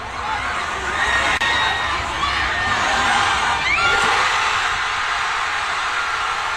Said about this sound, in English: So right, let's switch over to West 10th Street as the game was ending. This is what it sounded like, probably right outside of Nate's apartment as well, what everybody was cheering as soon as the game ended.